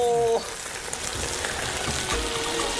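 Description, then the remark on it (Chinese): A fish head is put in to sizzle in a hot clay pot, cooked without any water added: a steady dense crackle of frying that runs the whole time, opening with a brief high tonal whine before the hiss settles in. “哇，我们要下鱼头喽！”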